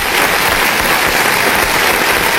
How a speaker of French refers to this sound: Bah ouais, ça mérite des applaudissements.